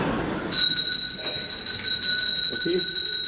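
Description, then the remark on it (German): An electric bell starts ringing after a brief moment and keeps up a loud, steady, shrill ring to the end, with faint voices and room noise underneath. “Es läutet. Da kann ich Sie beruhigen, Herr Direktor. Das liegt nur daran, dass wir eine Glocke haben.”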